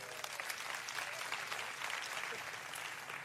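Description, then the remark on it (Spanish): An audience applauds steadily for two volunteers called up, a dense wash of many hands clapping at an even, fairly loud level for the whole stretch, with no voices standing out. “Vente por acá, dele un buen aplauso a ellos.”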